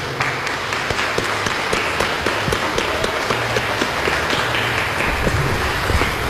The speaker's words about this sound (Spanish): Levante la mano, papá, mamá, padrinos. Muy bien, felicitaciones, démosles un fuerte aplauso.